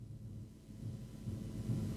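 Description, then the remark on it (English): Heavy rain pours down in a steady, deep rumbling roar, dull and low-pitched rather than hissy, holding constant with slight swells and no voices. “Gee, that's heavy rain.”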